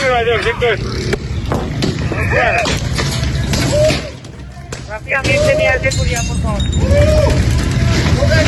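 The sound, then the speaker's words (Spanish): Stones and sticks clatter and thud as women throw them at police arriving in the La Leona sector of La Estanzuela, amid a chaotic street clash, with loud shouting and yelling voices throughout and a brief lull midway before the commotion resumes. “Piedras y palos, así recibían a la policía estas mujeres que organizaban todo lo que pasa en la Estanzuela.”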